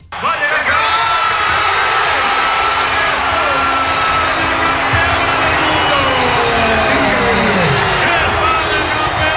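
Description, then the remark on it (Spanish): A huge crowd of thousands at the Palacio de Congresos de Granada celebrates Spain's football victory at night, a dense, continuous roar of cheering, shouting and whooping voices that stays loud and steady from start to finish. “La noche ha sido de celebración. Sonido del Palacio de Congresos de Granada.”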